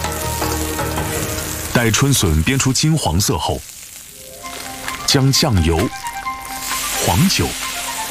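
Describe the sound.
Freshly dug spring bamboo shoots, unblanched, sizzle steadily in hot rapeseed oil in a very hot wok with no water added, a continuous crackling hiss throughout, with a voice speaking over it in short bursts.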